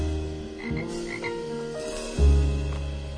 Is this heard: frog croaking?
yes